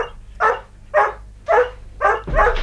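A collie dog barks in greeting five times in a steady rhythm, about half a second apart, each bark bright and mid-pitched, the last one louder and longer, with no voices alongside.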